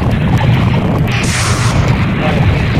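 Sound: explosion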